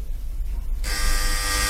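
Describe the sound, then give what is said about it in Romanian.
A harsh electric doorbell buzzer starts abruptly and drones steadily, a loud, raspy, unbroken tone after a low background hum. “Sună!”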